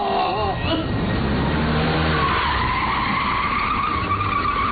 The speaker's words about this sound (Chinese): 卡车来了